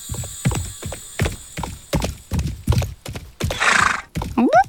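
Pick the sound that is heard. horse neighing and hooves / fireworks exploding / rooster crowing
horse neighing and hooves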